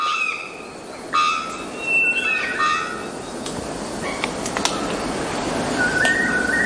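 A male bellbird calls to attract potential mates, giving a few loud, tonal whistle-like notes, some sliding in pitch, spaced out over steady hissing forest noise, with a final call near the end.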